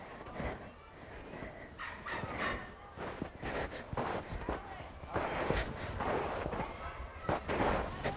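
Steady footsteps in ordinary shoes, without snowshoes, crunch and sink into deep snow, each step a soft muffled crush repeating at a walking pace over a faint outdoor background.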